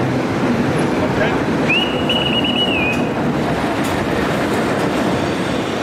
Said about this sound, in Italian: In quel momento arriva il treno alla stazione.